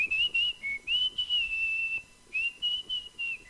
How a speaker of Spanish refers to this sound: Las canciones de la música popular también se silban.